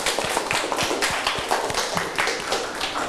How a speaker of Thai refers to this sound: ปรบมือเพื่อนหน่อย